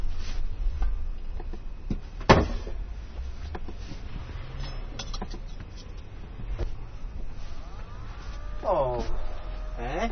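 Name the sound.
refrigerator humming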